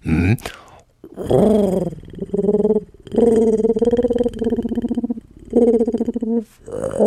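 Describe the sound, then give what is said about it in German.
Someone imitates a sad pigeon cooing, producing several drawn-out, wavering low coos in quick succession, fairly loud, with short pauses between them. “Pass auf, eine traurige Taube.”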